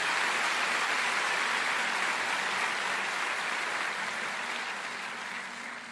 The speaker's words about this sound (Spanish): Dele un aplauso a Dios si está entendiendo la palabra.